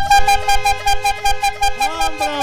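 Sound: bicycle horn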